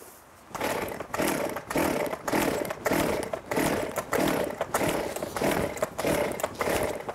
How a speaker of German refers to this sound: Ja, seitdem sage ich immer, mach einmal die Säge an, guck, dass sie auch anspringt. Aber probier's nochmal.